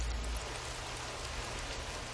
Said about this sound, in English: It's like one of my favorite parts of having to open a garage is when it starts raining like that. The sound is nice, you know.